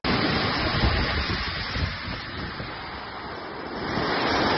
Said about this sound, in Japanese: 在台风白海豚的外围环流加持下，上海9日上午至午间全市迎来普遍大雨，局部地区遭受极端猛烈大雨侵袭，短时强降水致市区多处内涝，更有下沉式商场遭受大水冲击。